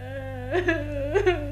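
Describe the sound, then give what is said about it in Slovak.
A princess known as a crybaby whimpers and cries, her tearful voice swelling into two short rising wails before sinking back to a steady whimper, with a faint low hum underneath. “z toho plaču ju chce vyliečiť a jej ruku si tým zaslúžiť princ Wendel”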